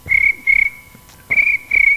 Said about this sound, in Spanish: El grillo cantó.